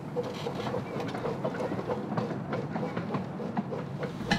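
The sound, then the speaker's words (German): A 1:3-scale steam train of the Leipzig park railway, formerly the Pioniereisenbahn Leipzig, rolls past the end-of-train checkpoint. It makes a steady, dense rumble, broken by irregular metallic clacks and clicks from the wheels over the rails, holding at an even loudness throughout. “So, der Zug ist mit Zugschluss an der Zugschlussstelle vorbei.”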